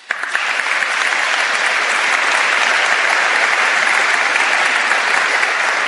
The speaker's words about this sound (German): Ein Applaus bitte auch für den ernannten Generalvikar Andreas Kaiser.